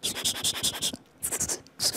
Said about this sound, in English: So what I can think of firstly is, like the writing sounds, like using pencil on like paper. Okay. So it might sound easy for you, I think. I don't know. You know, when you write something on the paper. Okay. Using pencil.